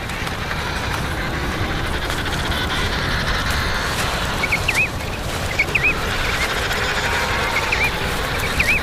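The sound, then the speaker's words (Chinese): Emperor penguins squabble in a noisy colony as females that have lost their chicks join a fight over a chick: a dense, rough din with a few short, warbling trumpet-like calls rising above it now and then. No one speaks. “更多丧子的雌性帝企鹅加入了这场争斗”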